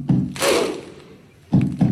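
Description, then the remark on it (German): Icelandic football fans' thunder-clap cheer at a major football tournament: a deep drum-like boom followed by a loud, broad burst of clapping and shouting, then a pause and two more heavy booms in quick succession. “Wir hatten vor ein paar Jahren die Isländer mit ihrem bestimmten Jubel.”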